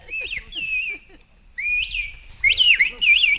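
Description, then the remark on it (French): Shrill, modulated whistling forms a short word-like phrase in several bursts: rising and falling glides, a brief pause, then louder warbling contours, clear with no speech. It is the patois word "Eho" whistled in a whistled language. “Et vous l'avez sifflé, Eho.”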